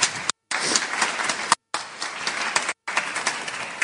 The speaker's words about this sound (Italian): Quindi accogliamo con grande applauso Linda Laura Sabadini. Benvenuta.